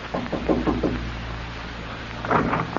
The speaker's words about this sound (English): You thought of this as you walked toward cabin 3A. And you were smiling as you knocked on the door of Ralph Barton's cabin.